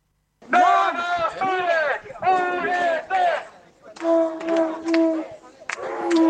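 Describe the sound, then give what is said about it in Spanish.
A crowd at a street protest in Arrecife, Lanzarote, in defense of real democracy, chants and shouts in loud, rhythmic bursts, many voices rising and falling together with short pauses between the chanted phrases. “Sonido en directo en Arrecife, en Lanzarote, sobre la protesta.”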